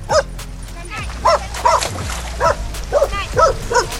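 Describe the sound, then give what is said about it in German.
Several dogs bark and yip excitedly in quick, irregular bursts during an end-of-season dog swim at an outdoor public pool in Brühl, Rhein-Erft-Kreis, Germany, where dozens of dogs splash in the water, over a noisy, echoing background with splashing and crowd murmur. “Bevor die Freibäder bei uns im Rhein-Erft-Kreis bald in den Winterschlaf gehen, dürfen statt tobender Kinder jetzt auch ganz oft tobende Hunde ein letztes Mal ins Wasser.”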